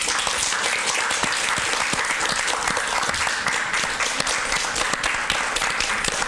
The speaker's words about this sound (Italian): Lo facciamo, un bel applauso.